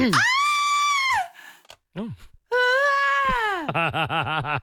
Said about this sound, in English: Scudder, our audio producer, has managed to find me just the most classic female scream that I'd like to play